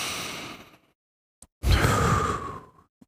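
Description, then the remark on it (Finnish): A long, airy deep inhale fades out, followed after a brief pause by a fuller, louder exhale with a breathy whoosh, a breath in and out taken together. Two faint clicks punctuate the gaps, and no one speaks. “Eli otetaan yhdessä sisään ja ulos hengitys.”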